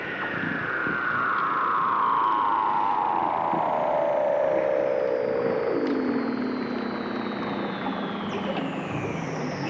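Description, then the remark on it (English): Indian seals call under the ice on the ocean in a long, eerie, electronic-sounding glide that slowly falls from a high whistle to a low tone over several seconds, with a fainter descending whistle above and steady hiss beneath. “So Indian seals call, and it's the most amazing sound. They make these really inorganic sounds.”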